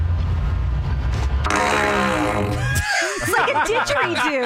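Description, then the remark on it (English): A low, buzzing fart blown into a PVC pipe at a Lowe's store swells into a resonant, didgeridoo-like drone with a rich harmonic hum, then gives way to wavering, laughter-like vocal sounds. “I have this PVC pipe, and I'm gonna fart in it.”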